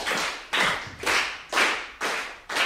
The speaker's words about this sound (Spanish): Es una mezcla de 6x8 y 3x4. ¡Guau! Wow, porque un 3x4 tiene qué ritmo. A ver con las palmas cómo sale.